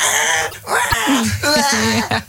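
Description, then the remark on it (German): A voice on the Radio 7 morning show imitates a baby crying during a car ride, with loud, wavering wails that rise and fall in pitch, broken into a few drawn-out bursts with brief gaps between them. “Ja, wenn euer Baby es auch hasst, Auto zu fahren und weint und schreit, dann versucht es doch mal mit einem Bild von euch.”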